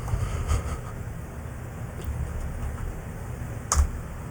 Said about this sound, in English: Oh, I typed that on the wrong keyboard.